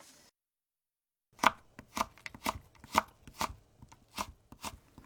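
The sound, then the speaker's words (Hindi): A knife cuts carrots into strips about 3 cm long and 2 mm wide on a cutting board, a quick series of crisp taps in an uneven rhythm after a brief silent pause, with no talking. “गाजर को 3 सेंटीमीटर लंबी और 2 मिलीमीटर चौड़ी पट्टियों में काट लीजिए।”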